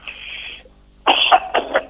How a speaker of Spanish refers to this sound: Perdonen esto de la tos. A veces, yo soy alérgico, a veces basta un vientito, algún poco de polvo y ya la quedé.